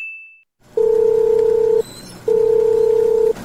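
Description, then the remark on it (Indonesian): A phone line rings out with two long, steady ringback tones separated by a short pause, heard clearly through the earpiece with no one picking up and no voices. “Aduh, nggak diangkat.”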